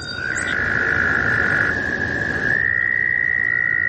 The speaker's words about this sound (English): These trilling American toads are a common springtime sound in the northeastern United States. They were recorded by listener Chris Renner, who points out that the males trill in different frequency ranges, which makes for a rich sound texture.